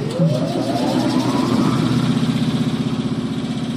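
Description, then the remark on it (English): A sandblasting machine at Maine Memorial Company, used from a closet to sandblast a stencil, switches on: its motor spins up with a rising whine over the first second or so, then settles into a loud, steady, rhythmically pulsing mechanical drone. “A flick of the switch boots up the machine.”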